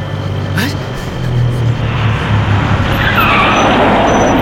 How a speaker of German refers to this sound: Plötzlich hielt ein Bus an der Haltestelle.